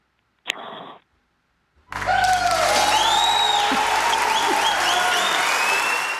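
A short burst of sound, a pause, then loud, dense applause for a little girl's public singing that sweeps in and holds steady to the end, with rising whoops and whistles cutting through the clapping.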